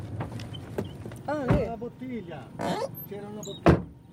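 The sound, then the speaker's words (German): People climb out of a car: a couple of sharp car-door thumps, the last one loud, while voices talk quietly. “Wir steigen aus.”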